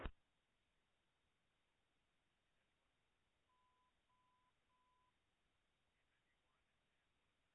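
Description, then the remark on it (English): Three short, evenly spaced telephone dialing tones beep in quick succession at a single steady pitch, faint against a constant hiss of background noise, with no voices present, as an emergency dispatcher places a call back to a patient's phone. “Bench, try a call back.”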